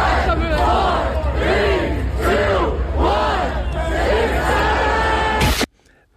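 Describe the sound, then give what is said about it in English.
A large crowd of adults gathered in Washington Square Park shouts "6-7" in unison, rising and falling in a repeated two-part chant that rolls through several loud cycles before cutting off abruptly into near silence. “A crowd of people gathered to say 6-7.”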